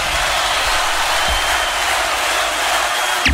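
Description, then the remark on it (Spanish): Sustained applause from an audience, a dense, steady wash of clapping that fills the whole stretch at a fairly loud level, with no voices standing out above it. “El aplauso de ustedes”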